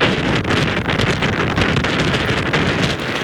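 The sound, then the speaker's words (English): Loud, continuous roar of nor'easter storm winds on the U.S. East Coast buffeting the microphone, with churning waves and surf blended into a dense wall of noise that never lets up; the storm brings high winds, heavy flooding and big waves. “The storm bringing high winds, heavy flooding and big waves, forcing airlines to cancel hundreds of flights and knocking out power to more than 100,000 homes and businesses.”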